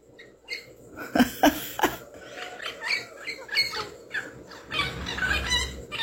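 Shrill, raspy bird calls repeat in quick bursts, several loud squawks near the start followed by a busier run of chattering cries against faint outdoor background noise, consistent with a parrot calling outdoors.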